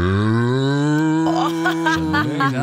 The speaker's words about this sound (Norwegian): Nå hadde du den kuen, så har du mer sånn desperat ku, ikke sant?